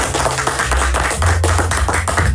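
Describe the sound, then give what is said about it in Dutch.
Loud, steady rhythmic applause for the leader of a quiz ranking, set over a low sustained musical hum, with dense bursts of hand claps repeating every quarter second or so. “En momenteel staat bovenaan die ranking, en daar mag echt even een applaus voor klinken”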